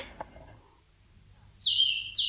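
A small real songbird, given in a box, sings a bright, high-pitched warbling phrase that starts abruptly after a quiet pause, clear, with a short second burst at the end.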